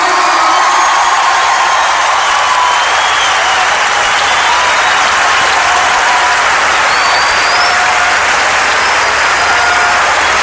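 Loud, sustained applause from a large crowd fills the whole stretch, a dense steady roar of clapping with faint whistles and cheers rising over it.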